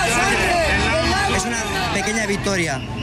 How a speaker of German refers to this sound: Vor der Arena jubeln die Tierschützer. Kein Blut mehr, rufen sie.